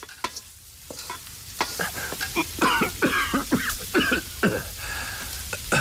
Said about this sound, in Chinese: 爹，您怎么咳嗽呢？ 哎，有咽呛的嘛。